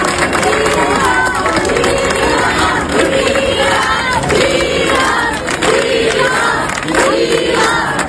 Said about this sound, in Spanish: Y también aplausos a Juan José Vivas, presidente de Ceuta.